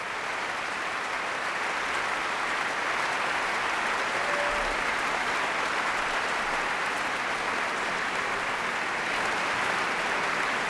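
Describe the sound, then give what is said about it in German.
Sustained applause from a large concert audience for a young soloist of the Tölzer Knabenchor, at Lahav Shani's inaugural concert as chief conductor of the Munich Philharmonic. A dense, steady roar of clapping hands holds at an even loudness for the whole stretch, with no voices standing out. “Und dieser ganz besondere Applaus, der gilt dem jungen Solisten vom Tölzer Knabenchor”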